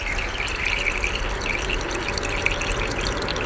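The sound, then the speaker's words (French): Many water drops plop steadily into water close by, each dragging lots of small air bubbles into the water that make the sound, merging into a continuous bubbly patter with small splashy accents and no voices. “C'est plein de petites bulles qui sont entraînées dans l'eau. Et c'est ces bulles-là qui vont faire ce bruit qu'on entend, nous, dans l'air.”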